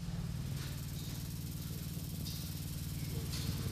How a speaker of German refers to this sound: Und diese Skulpturen vibrieren fortwährend. Das müssen wir uns auch mal anhören und näher rangehen. Deswegen, weil vibrieren, das macht ja auch immer ein bisschen, ja, Geräusche.